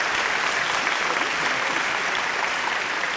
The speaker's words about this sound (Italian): E facciamolo questo cazzo di applauso.